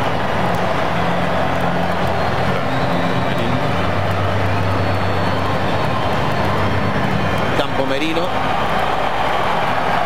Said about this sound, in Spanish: Y ese aplauso. Esa explosión de alegría en el estadio por la entrada de Lamine Yamal al partido,